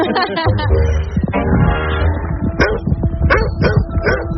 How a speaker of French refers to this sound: Ah, il y a un chien? Il reste chez lui, tout va bien.